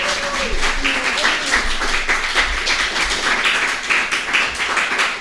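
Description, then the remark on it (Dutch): An audience applauds steadily, a dense wash of many hands clapping at once that holds at a fairly loud, even level for several seconds, with a faint voice briefly audible near the start. “Oh, echt applaus. Echt applaus.”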